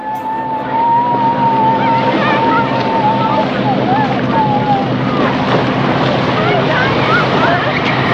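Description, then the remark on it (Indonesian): A fishing boat's engine drones steadily as it sails far out at sea, its hum blending with rushing wind and water noise, while indistinct voices murmur in the background throughout. “Kapal kemudian berlayar jauh di tengah laut.”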